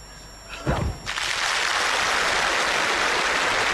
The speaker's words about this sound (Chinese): 原子弹爆炸了，让他们多爆会儿。